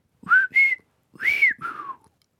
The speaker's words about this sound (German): Und jetzt pfeife ich noch meinen Namen.